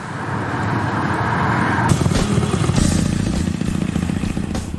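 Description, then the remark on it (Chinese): A motorcycle engine, ridden by a motorcycle enthusiast, runs loud, its rumbling note rising sharply partway through as the rider revs it, then holding a steady, throbbing roar until the end. “一个摩托车达人，在他的生活里，摩托车和美食几乎占据了全部。”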